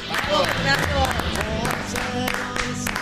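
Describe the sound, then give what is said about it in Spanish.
A large crowd applauds steadily, with dense clapping mixed with cheering and shouting voices, loud and sustained throughout the few seconds; an ovation dedicated to Argentina's national football team. “No puedo ser propios estos aplausos, esta ovación, sí.”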